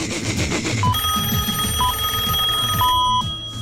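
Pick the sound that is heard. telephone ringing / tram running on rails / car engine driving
telephone ringing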